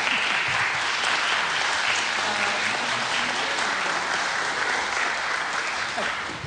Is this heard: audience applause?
yes